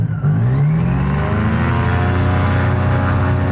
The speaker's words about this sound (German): Beim Führerfahren zur Startpiste rumpelt es recht im Flugzeug. Und ich habe das Gefühl, alles geht auseinander, ist aber nicht so.